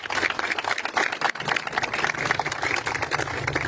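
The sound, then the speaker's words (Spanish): Steady audience applause welcomes Paraguay's Minister of Urbanism, Housing and Habitat, Juan Carlos Baruca Fernández. A dense crackle of many hands clapping at once, loud and continuous for several seconds without any talk over it. “Recibamos con un fuerte y apetitoso aplauso al ministro de Urbanismo, Vivienda y Hábitat, ingeniero Juan Carlos Baruca Fernández.”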